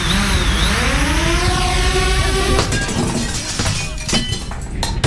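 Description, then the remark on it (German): A drone's buzzing motor whines and rises in pitch, then crashes through a sports clubhouse window with a loud shatter of glass, followed by scattered clinking and rattling debris as the whine cuts out. “Zählt Sportheimfenster auch?”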